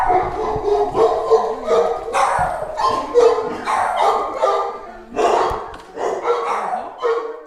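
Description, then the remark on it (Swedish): Several dogs at a dog hotel bark and yip excitedly as dogs meet, their loud, overlapping barks forming a near-continuous, chaotic chorus with high-pitched yelps mixed in. “så får vi höra lite hur det låter här inne när de här två ses här.”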